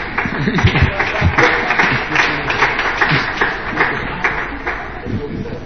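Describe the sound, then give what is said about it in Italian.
An audience applauds steadily for several seconds, a dense wash of many hands clapping at once, fairly loud and even throughout, with some voices mixed into the clapping. The applause is for a computer program that has just crashed and does not work. “Ti applaudono perché un programma non funziona.”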